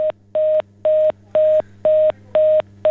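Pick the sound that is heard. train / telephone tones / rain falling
telephone tones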